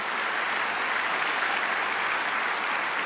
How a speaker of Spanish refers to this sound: Dar un aplauso a tu Dios en esta mañana.